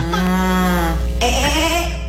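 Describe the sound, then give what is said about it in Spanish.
A person does a loud impression of a cow, a single drawn-out moo lasting about two seconds that shifts in pitch partway through, with no other sounds around it. “La vaca.”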